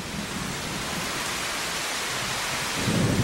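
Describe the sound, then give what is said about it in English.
Heavy rain hisses steadily while low thunder rumbles underneath, swelling louder near the end as another peal rolls in. No voices. “The storm unleashed the full force of its power, with driving rain and great peals of thunder.”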